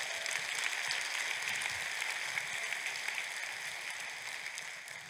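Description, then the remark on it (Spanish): A crowd applauds the Lord steadily, a dense wash of clapping hands that holds an even level for several seconds with no voices standing out. “Aplausos al Señor.”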